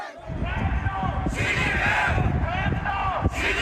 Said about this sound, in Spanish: Con gritos, pancartas y carteles, grupos de manifestantes expresaron su rechazo al presidente chino.